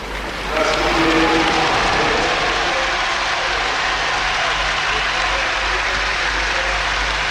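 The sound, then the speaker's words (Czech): A large crowd in a Bratislava stadium applauds as Ondřej Nepela comes onto the ice, heard in a foreign TV broadcast, a dense, steady wash of clapping that swells in within the first second and holds loud and unbroken, with a faint murmur of voices mixed in. “Takhle se tleskalo.”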